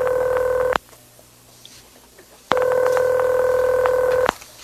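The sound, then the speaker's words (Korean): A telephone line gives off two loud, steady electronic tones, each lasting about a second or more, separated by a quiet pause, as a call to a pastor is being placed. No voices are heard. “다음 날 아침 도움을 받고 싶어서 한 목사에게 전화를 했는데 그는 알코올 중독자는 다르지 않는다고 대답을 했고 그 대답을 들은 저는 전화기를 던지면서 화를 냈죠.”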